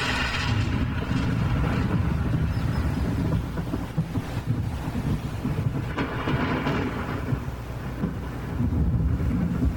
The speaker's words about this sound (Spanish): Trueno bendito, mensajero de la lluvia que enriquece la tierra.